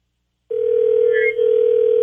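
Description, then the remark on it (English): A steady, unbroken telephone tone of a call ringing out on a phone line during a 102.5 KDON radio show's War of the Roses segment, starting abruptly and holding at an even pitch and loudness, with no one talking over it. “So we're about to get Anthony on the phone, 102.5 KDON.”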